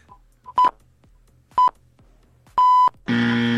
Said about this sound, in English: Additional 10, if you don't get it, I hit the wrong buzzer.